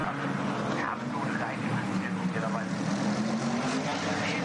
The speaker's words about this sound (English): That car actually coming into the pit lane now to get some service from the Milner crew.